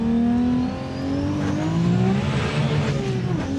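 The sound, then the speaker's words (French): The powerful engine of a supercar with over 1600 horsepower revs loudly and steadily, its harmonics sweeping upward as it accelerates, with a brief dip before climbing again; no talking. “Bref, malgré les plus de 1600 chevaux, on peut rouler confortablement sans l'effet on-off.”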